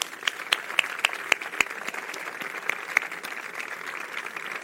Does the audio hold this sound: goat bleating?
no